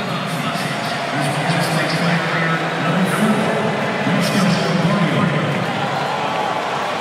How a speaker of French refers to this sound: Et voici Josko Gvardiol, le défenseur de Manchester City, qui va remplacer Vlasic. Forcément beaucoup d'applaudissements pour Gvardiol.